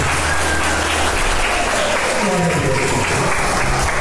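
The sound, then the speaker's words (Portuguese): An audience applauds the name of Jesus steadily for about four seconds, a dense, loud wash of clapping with voices murmuring and calling out underneath. “Aplauda o nome de Jesus.”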